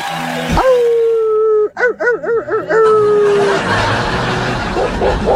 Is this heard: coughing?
no